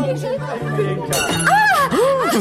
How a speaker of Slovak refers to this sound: A prečo rozbili ten tanier